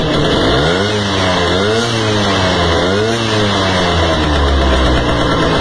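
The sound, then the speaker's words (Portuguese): A vintage motorcycle, a model famous in the 1960s, runs loud after finally starting, its engine revving up and settling back in a few quick swells over a steady rumble, with no voices. “É dessa moto que a gente tá falando, hein?”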